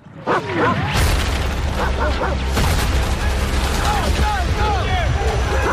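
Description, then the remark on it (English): Loud, dense bursts of gunfire crackle through a busy cinematic mix in the trailer for Brad Pitt's film The Heart of the Beast, with booming hits and high yelping cries rising and falling over a constant rumbling background. “There's a lot of gunfire and that sort of thing.”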